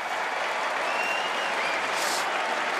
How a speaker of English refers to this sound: The crowd now, some on their feet, applauding.